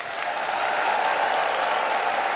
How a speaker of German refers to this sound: Ja, also Klatschen, Pfiffe, Jubel für ….